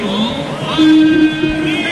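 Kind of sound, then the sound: crowd, stadium crowd applauding players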